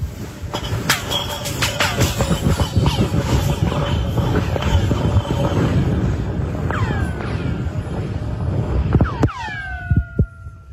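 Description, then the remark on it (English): An ice chunk thrown down a 450-foot-deep hole drilled into the ice in Antarctica tumbles down, clattering in rapid, irregular knocks over a dense rumble, then ringing out in descending, laser-like zaps and pings that sweep downward in pitch as it strikes the hole's walls. “And somebody threw a piece of ice down a very long hole that they drilled into the ice.”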